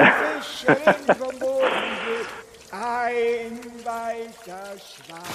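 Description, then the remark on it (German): Water splashes and sloshes in short bursts, one longer swish in the middle, as a grandfather paddles a paddle boat around, with voices talking and babbling in between. “Das ist gerade der Opa, der fährt gerade mit dem Paddelboot umher.”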